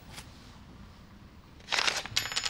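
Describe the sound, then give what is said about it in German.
An apartment key is set down on a table, a brief metallic clatter of a few quick clinks following a faint tick, with no one speaking. “Oh, was ist denn das für ein Schlüssel? Zu meiner Wohnung.”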